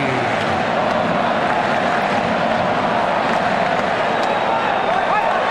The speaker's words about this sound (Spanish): Empieza a animar, empiezan a aplaudir los nipones en todas las graderías. Escuchemos. Del AT&T, a ver cómo suena el estadio de AT&T.